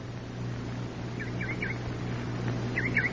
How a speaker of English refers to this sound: No. That's a bird.